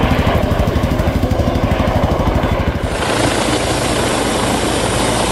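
A helicopter's rotor thumps in a fast, steady chop, loud, then gives way to a dense, roaring engine whine that continues to the end. The helicopter is taking part in a search for a missing child. No one speaks.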